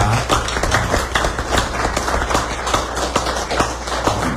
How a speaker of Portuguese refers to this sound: Eu me quero pedir um aplauso para todos os do Ministério.